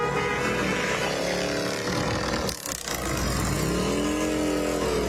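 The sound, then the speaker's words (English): A loud, continuous roar of several motorcycle engines as a dozen or so Legion riders roll down the street in good riding weather, passing with overlapping revving that rises and falls in pitch, briefly dipping before surging again. “Yeah, this is good motorcycle riding weather, too.”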